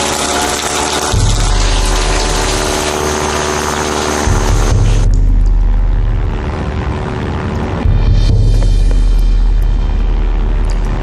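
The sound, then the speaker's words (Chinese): A loud, steady airplane engine rumbles throughout, a deep droning roar with shifting intensity that swells and eases a few times, sounding overhead with no voices. “飞机，是飞机。”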